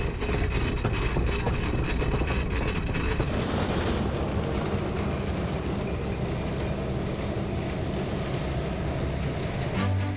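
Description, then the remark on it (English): A train sets off on its final leg with a loud, steady rumble and mechanical clatter. The noise thickens and grows harsher a few seconds in, then rolls on continuously with no voices. “The train sets off on its final leg.”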